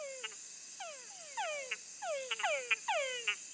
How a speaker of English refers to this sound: So, for example, we work on this species, for instance, that is called Tunkar frog. And males produce a call that sounds like their name, Tungara.